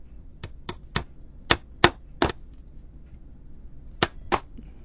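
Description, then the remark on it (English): Hammering: about eight sharp, loud knocks struck in an uneven rhythm, a quick burst of blows, then a pause of over a second before two final strikes. No one speaks. “One or two more hammers.”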